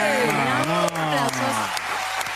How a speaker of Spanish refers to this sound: Aplausos.